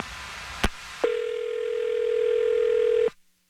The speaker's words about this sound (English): I'm going to dial his phone number right now, and hopefully we can figure this out for you, okay?